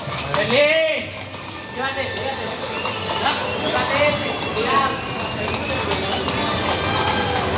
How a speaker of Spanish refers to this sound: Y es una estampa muy singular, porque van los dos galopando como si cada uno fuera por una raya de picar, a ver quién corre más.